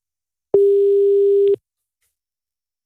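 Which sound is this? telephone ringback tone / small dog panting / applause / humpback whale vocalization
telephone ringback tone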